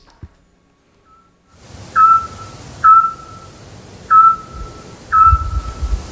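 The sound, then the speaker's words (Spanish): A Eurasian scops owl calls at 10 pm in the town centre of Peñaranda de Duero: four short, clear, piping whistles, evenly spaced about a second apart, over a soft low background rumble. “¡Hombre, el autillo!”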